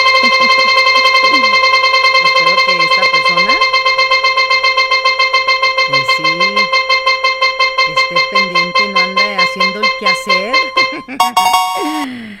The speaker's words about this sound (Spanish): A ver, giramos nuevamente la ruleta. Vamos a ver quién se lo lleva.